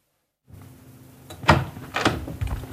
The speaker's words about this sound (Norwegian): Da har vi gått opp den flotte trappa her og gjennom døra inn i en storslått gang. Vi må lukke døra etter oss, og her står vi i gangen på Karl Knudsen-gården.